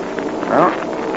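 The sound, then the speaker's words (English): Engines of enemy scouting planes, including a German Heinkel, drone in a steady buzzing hum as they pass over an open space, their harmonic tone swelling briefly in the middle before settling back to an even rumble. No one speaks. “The planes will pass across that open space in just a moment.”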